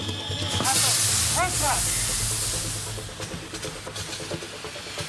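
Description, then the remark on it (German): A loud, rushing spray of water from a hose hitting a fire of burning rubbish, with steady steam hissing that swells early and then fades to a rougher crackle. Muffled voices sound briefly underneath. “Wir müssen jetzt erstmal hier massiv Wasser draufhalten.”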